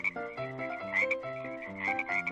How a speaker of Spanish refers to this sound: Plaga de ranas. Miles de ranas salieron del río.